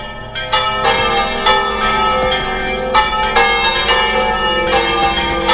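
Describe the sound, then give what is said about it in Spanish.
The sanctuary church bells at Hoz de Marrón ring out loudly and continuously, announcing the start of the solemn Mass. Several strikes overlap in a rich, sustained metallic peal with repeated strong onsets roughly every second or two, no voices present. “Las campanas del santuario han anunciado el comienzo de la celebración solemne presidida por el obispo de Santander, por Arturo Ros”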